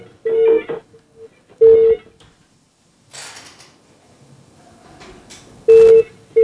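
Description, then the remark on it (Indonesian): An outgoing phone call ringing unanswered: three steady ringback tones at irregular intervals, with soft rustling and handling noise in between and no one picking up. “Dan kita sudah terhubung dengan penelpon di telepon WhatsApp, telepon biasa.”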